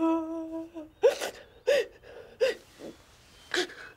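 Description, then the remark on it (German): A daughter cries to her father: a drawn-out whimpering wail, then four ragged, gasping sobs at uneven intervals, each a sharp breathy catch with a brief voiced break. “Nicht weinen, Kleines.”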